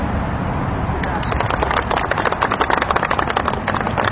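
Heavy truck traffic rumbles past in Iowa in a steady, loud roar of deep engine noise, with rattling, clattering bursts thickening the sound after the first second or so.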